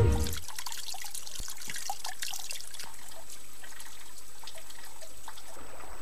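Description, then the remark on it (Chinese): Water of the Shandian (Lightning) River trickles steadily in the cold of early spring as its ice and snow melt, a continuous watery hiss dotted with small irregular drips and splashes. No voices, just the flowing water throughout. “春寒料峭，闪电河水冰消雪融”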